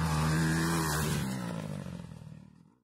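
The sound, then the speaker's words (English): A loud motorcycle engine roars with a throaty, buzzing rev, holding steady for about a second before falling away and fading out over the next two seconds. “Everyone's welcome to watch the Bauxite Bash at the Nullarbor Motorcycle Club, Sunday, August the 2nd.”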